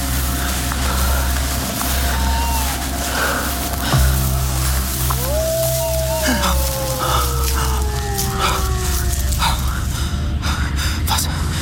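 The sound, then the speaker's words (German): A large hound howls once on a moor at night, a long drawn-out wail that swoops up and then slowly sinks in pitch, carried over a steady low, windy rumble with a fainter brief cry before it. “Das Heulen schien von dort drüben gekommen zu sein, nicht?”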